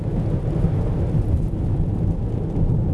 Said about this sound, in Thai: ฝนผสมหิมะผสมหมอกทีอินวันสะใจไปเลยครบสูตรฤดูหนาว